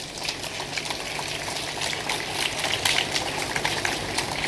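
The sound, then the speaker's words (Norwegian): An audience applauds to welcome the crew of the ship Lokas Hope and the old Norrøna to the Faroe Islands, with dense, steady clapping that blurs into a continuous crackle, swelling slightly partway through before holding at the same level. No one speaks over it. “Ja, lat okkur sjá þannig að klappa.”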